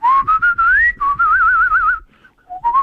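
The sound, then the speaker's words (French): Someone whistles a short, melodic tune while waiting for a phone connection, with sliding notes and a wavering trill, pausing briefly before a couple of final notes; no talking. “Je siffle en attendant, peut-être, pour faire plaisir.”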